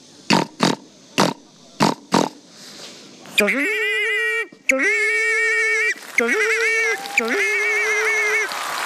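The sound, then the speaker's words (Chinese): A voice imitates a pig on stage before a live audience: five quick, loud snorting grunts, then three long, strained, high-pitched squeals held with a steady, nasal tone. “第一种声音， 第一种声音，给我学一只猪。”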